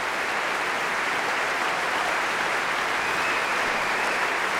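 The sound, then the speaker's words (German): A large concert audience at the Berliner Philharmonie in Berlin applauds steadily and loudly for the conductor and the DSO orchestra, a dense wash of clapping, with cheers and whistles rising out of it throughout. “Er gibt gerade jedem persönlich die Hand, auch dem ersten Konzertmeister Veilu gerade, und stellt sich vor sein Orchester, und Sie hören, wie das Publikum jubelt und pfeift.”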